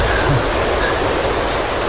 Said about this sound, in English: What was that? I guess we've seen the raging river.